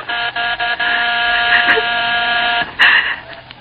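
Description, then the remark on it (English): A penthouse doorbell rings as a loud, steady electric buzz, held almost continuously for a few seconds with a couple of brief stutters in the tone. “Suddenly, the doorbell stopped.”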